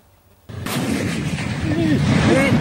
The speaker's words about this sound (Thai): เราจะไปกันที่ประเทศบังกลาเทศค่ะเกิดเหตุรถถังระเบิดตู้มในระหว่างที่ทหารของกองทัพบังกลาเทศกำลังฝึกซ้อมยิงและรถถังคันนั้นผลิตในประเทศจีนค่ะ